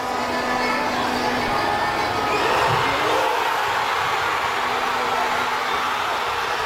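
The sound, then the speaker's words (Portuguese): A dense, roaring street crowd in Asunción, Paraguay, celebrating the last penalty as Paraguay eliminates Germany on penalties, a continuous wash of cheering and shouting voices that stays loud and steady throughout, with a faint sustained hum underneath. “Estes são os momentos da marcação do último penalti. Muitos, muitos, muitos festejos.”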